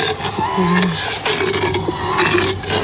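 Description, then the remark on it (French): A motorized dental drill grinds against teeth in a steady, harsh rasp, with a thin whining tone running underneath and small surges in loudness throughout the few seconds. “Et ce qui va faire vraiment du bruit, c'est quand je vais toucher les dents, forcément.”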